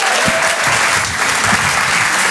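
An audience in Paris claps steadily to encourage a stand-up comedian being introduced on stage, a dense continuous wash of many hands applauding loudly throughout, with no voices breaking through.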